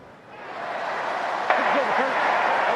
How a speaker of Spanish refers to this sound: Escuchó el aplauso ya.